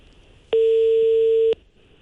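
A single loud, steady telephone ringback tone, heard while calling a business's office phone, sounds for about one second, a flat electronic hum over a faint background hiss, with no one speaking.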